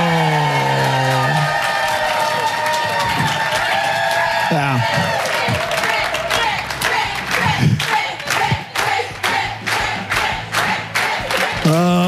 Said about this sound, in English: And also, thanks for cheering for me.